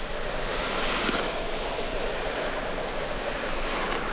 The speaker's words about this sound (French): le souffle du vent.